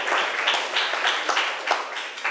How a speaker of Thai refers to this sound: ค่ะก็ได้จบลงไปแล้วนะคะสำหรับการนำเสนอเรื่องของการดูแลก่อนการตั้งครรภ์ค่ะขอเสียงปรบมือให้ตัวแทนนักเรียนอีกครั้งนึงค่ะ